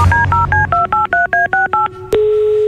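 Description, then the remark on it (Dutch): A phone number is keyed in as a quick run of about eleven evenly spaced two-tone beeps, followed by a click and a steady, lower tone on the line. No one speaks. “Zullen we even bellen dan?”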